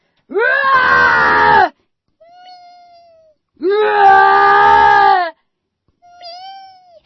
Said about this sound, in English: And I say, it's the cat. I mean, it's not just the cat, right? It's the crippled, brain-damaged cat who can't get away from a toddler, much less a bear.